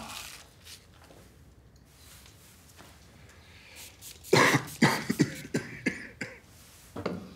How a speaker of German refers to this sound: Haben Sie den Husten schon länger? Na was, ich bin nur ein bisschen belegt.